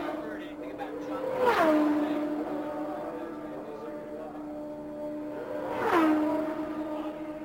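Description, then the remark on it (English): Two race cars scream past one after another on an oval racetrack, each engine whine rising then dropping sharply in pitch as it passes, with a steady engine drone and faint talk in the background. “He drops down to the apron of the racetrack and heads for pit road.”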